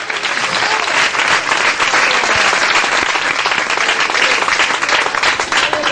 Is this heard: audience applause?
yes